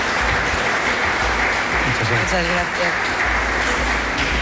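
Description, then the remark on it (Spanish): Sustained audience applause for Rafa Domínguez, provincial vice-president, and Ángeles Tilbe, director of the Museo de Pontevedra, a dense steady roar of many hands clapping at full loudness throughout, with a voice briefly audible underneath partway through. “Y prolonguemos el aplauso a Rafa Domínguez, que es vicepresidente provincial, y a Ángeles Tilbe, que es directora del Museo de Pontevedra.”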